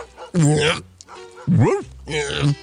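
Three loud dog yelps with whining, whimpering tones, the middle one rising and falling in pitch, separated by short pauses.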